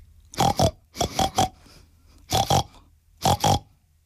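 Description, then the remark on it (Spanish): A voice imitating a pig, making short nasal oinks and grunts in quick clusters of two or three, with brief pauses between the groups, loud. “Era un animal grande, rosado, con unos jamones. Un cerdo. Que solo hablaba cerdés. Y el cerdo, en cerdés, dijo así.”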